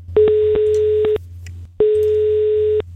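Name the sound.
telephone ringing tone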